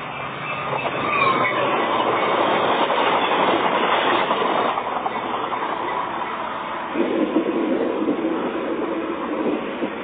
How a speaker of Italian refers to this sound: Reperto 18. Registrazioni effettuate di nascosto nel corso di uno spostamento in treno. Hanno attinenza con la scena del film Un mostro e mezzo.